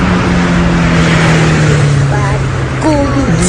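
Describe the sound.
A bus engine drones steadily and loudly throughout, a low constant hum with road noise, while faint voices rise briefly over it toward the end.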